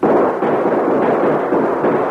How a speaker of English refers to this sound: Almost immediately, King heard eight other shots.